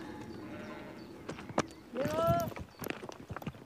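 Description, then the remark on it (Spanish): Sheep hooves tap and clatter unevenly over a rocky, narrow mountain path, a handful of sharp, sure-footed steps with a short tonal call rising briefly in the middle against a soft outdoor background. “Los animales pisan con bastante seguridad.”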